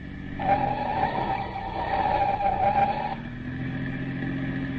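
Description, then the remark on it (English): A speeding police car's tires squeal in one long, loud skid lasting about three seconds over a steady engine roar as it takes a turn, then the engine keeps droning on alone as the screech cuts off. “I've had the accelerator pushed clear down to the floor ever since we left.”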